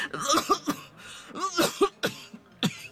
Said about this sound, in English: Her coughing had gotten worse, but that night in the mess hall was more concerning than ever.